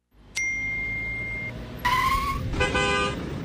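Busy road traffic rumbles steadily while car horns honk: a short steady tone first, then two louder, harsher blasts overlapping near the end, with no one speaking.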